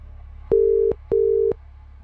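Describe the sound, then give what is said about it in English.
Two steady telephone ringback tones on an outgoing call, each lasting about 0.4 seconds with a short pause between, clear and moderately loud over a low background hum. “Who are we ringing?”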